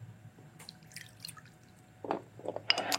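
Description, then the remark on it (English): Half a cup of water is poured into a sauce mixture with maple syrup, beginning with faint trickles and building into short, splashy gurgles toward the end, with no talking. “And then we're going to add some water, 1/2 cup of water.”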